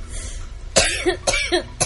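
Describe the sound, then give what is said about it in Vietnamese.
An old woman coughs three times in quick, uneven succession, each cough harsh and raspy with a throaty, voiced edge, after a brief stretch of quiet background noise. She coughs while talking and leading someone along. “Vừa nói vừa ho, bà cụ cứ dẫn tôi đi.”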